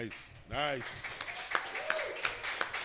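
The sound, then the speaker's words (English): An audience applauds after a song at the end of a DJ's set, a steady wash of clapping with a brief rising cheer near the start and a few sharper claps standing out. “That was a larger applause than you got.”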